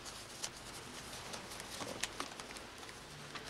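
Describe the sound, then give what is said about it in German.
Quiet papery flicks and rustles, a series of soft, irregular snaps as 1000 Mark in banknotes are counted by hand one by one, with no voices. “Moment, nachzählen, ne?”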